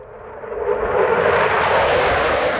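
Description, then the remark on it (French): A loud military jet engine roars steadily at Chaolet air base in northern Lithuania, where NATO aircraft are stationed, 150 km from Kaliningrad; a broad rushing whine that swells in the first second and then holds powerful, with no voices. “sur la base aérienne de Chaolet où stationnent les avions de l'Alliance Atlantique”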